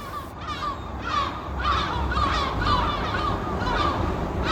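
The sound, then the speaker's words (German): A dense chorus of seabird calls from the Lummenfelsen cliff colony on the west side of Helgoland, home to many bird species including northern gannets at the top, harsh overlapping cries and squawks repeating continuously over a low rumble of wind or surf, no voices. “Wir starten ganz oben auf dem Lummenfelsen auf der Westseite der Insel, der von den verschiedensten Vogelarten bewohnt wird.”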